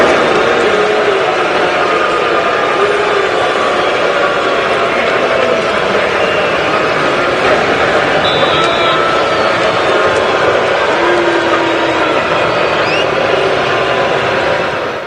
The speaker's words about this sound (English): That's actually how I picture hell sounding. Like, if you go to hell, it's like you're getting booed as you walk in, and it's a chorus of boos, like Tua experienced when he took the snap under center to open action tonight.